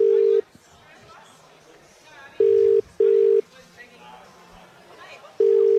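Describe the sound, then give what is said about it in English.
A phone line rings out in steady paired beeps, two short tones close together and then a pause, repeating, as a phone number is called, apparently to Perugian Springs. Quiet background chatter and noise fill the gaps between rings. “That number on the wheel there is that number there, which is that phone number there. Let's hit the button through the power of technology.”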